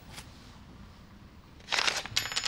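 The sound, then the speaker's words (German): A metal key to an apartment is set down on a table with a short clinking clatter, then a second light jingle follows. The sounds are quiet, with no talking. “Oh, was ist denn das für ein Schlüssel?”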